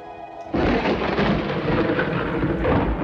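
A sudden, loud crack of a lightning strike bursts in after a faint hum and rolls on as a heavy, rumbling thunder crash that fills the rest of the moment; the lightning strikes beside a castle and knocks off a piece of wall.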